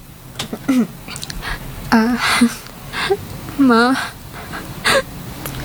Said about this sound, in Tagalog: Bakit ka umiiyak? Halika, payakap na.